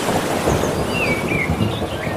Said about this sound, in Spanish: Mira, vamos a juntarlo todo, ¿eh? Olas. Y algún trueno.